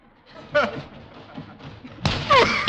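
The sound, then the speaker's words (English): A dull, heavy thud as Mr. Boynton, after a running start, slams into an old stuffed sack amid voices, followed by a louder burst of scuffling and a strained vocal exclamation as he knocks the wind out of himself. “But why so hard? You knocked the wind out of yourself.”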